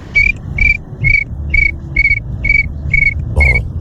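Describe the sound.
A person imitates a cricket with eight evenly spaced, high, whistle-like chirps in a steady rhythm, clear over a low background rumble.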